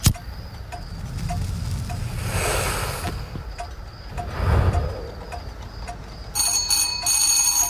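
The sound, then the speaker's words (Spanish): A doorbell rings near the end in a few quick bright bursts, following a quiet stretch of steady ticking and soft rustling movement in a room. “Alguien hizo sonar el timbre.”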